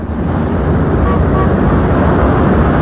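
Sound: car driving in traffic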